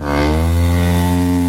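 A single loud, sustained cow moo, low and steady for about a second and a half, heard up close with no talking over it.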